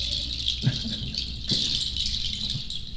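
A steady, high-pitched chorus of birds twittering and trilling without pause, with a few soft low thumps underneath and no voices.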